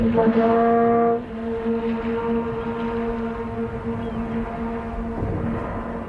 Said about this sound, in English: How long was the duration of that note? Oh, you can listen to it, and the echoes, it may be pushing 40 seconds that you can just hear that echo going back and forth between those rock walls.